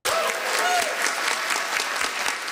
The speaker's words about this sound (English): The Inuit Circumpolar Council's new declaration got a round of applause as it was approved.